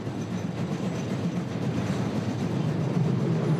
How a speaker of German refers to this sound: Zu Füßen des Fichtelbergs hat unser Zug die Kreuzungsstelle Niederschlag erreicht.